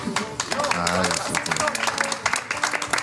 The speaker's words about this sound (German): Ja, danke schön. Ich finde das auch einen Applaus wert.